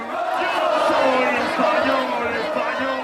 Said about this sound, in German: So jubelt Spanien sich ins Finale. Mit dem Abpfiff gibt es beim Public Viewing auf Madrids Plaza de Colón kein Halten mehr. 6000 Fans feiern ausgelassen den Sieg gegen Frankreich.